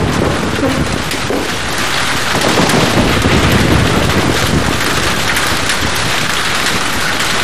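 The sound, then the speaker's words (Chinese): Steady, dense rain that has been falling for days pours down without a break, a loud continuous hiss with gusty, rumbling undertones. No voices are heard. “这几天可一直下雨，你多穿点衣服，别着凉了啊！”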